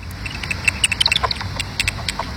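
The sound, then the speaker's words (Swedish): A bat detector converts the high-frequency echolocation calls of a common pipistrelle bat, flying among tree crowns in the evening, into a quick, irregular series of dry ticks and clicks, bursting in short clusters over a low rumbling background. “Och Katarina Meramo får utslag på detektorn som översätter djurens högfrekventa läten till ljud som vi kan höra.”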